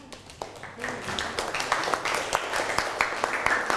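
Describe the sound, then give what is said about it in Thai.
A small group of students in a classroom claps for a classmate, a brisk patter of many hands that swells and holds steady for several seconds, with faint voices mixed in underneath. “นั่งลงปรบมือให้กับเพื่อน”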